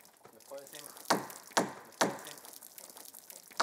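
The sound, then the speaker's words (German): Water is run and splashed over a cedar wood plank in several sharp bursts with a steady wet wash between them, softening the plank so it bends well for boatbuilding; a faint voice murmurs briefly near the start. “Ich lasse Wasser über diese Planke aus Zedernholz laufen, weil man sie weich machen muss, damit sie sich gut biegen lässt und nicht verzieht.”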